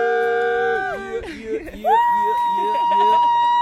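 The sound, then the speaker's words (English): An excited voice lets out a high falsetto scream, with pitch swoops and glides that settle into a long, loud, sustained high note. “that was a good scream. Yeah, it was on my falsetto note because well I didn't want to scream like, woo!”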